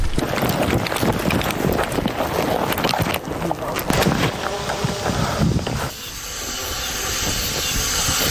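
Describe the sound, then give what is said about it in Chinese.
A drone buzzes overhead above a cliffside path with a steady, noisy whirring hiss that fills the whole clip and eases to a softer, smoother drone for the last couple of seconds. “刚踏上悬崖路，空中便传来无人机的声音，这让队员们神经骤然紧绷。”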